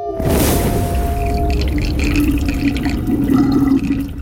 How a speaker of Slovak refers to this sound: Počuješ more? Počuješ rozbúrené more? Nie som hluchá, počujem more.